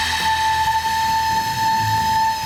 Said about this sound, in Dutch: Het is net alsof de Wereldhavendagen weer begonnen zijn. Maar het is dus een blokfluit uit Dordrecht dit. Ja. En met dit geluid gaan ze dus met AI aan de slag. En uiteindelijk moet het dan tot een soort bespeelbare fluit leiden.